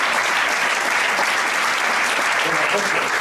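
Sustained audience applause, a dense, steady wash of many hands clapping at once, loud and continuous for the whole stretch without a break.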